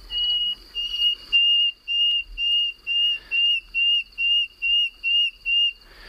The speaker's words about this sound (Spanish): el sonido más reputado, más conocido, el más cantado y alabado es la canción del ruiseñor común. El ruiseñor común es un pájaro que canta de día y de noche, pero como el búho, domina la puesta en escena, porque cantan en la oscuridad de la noche.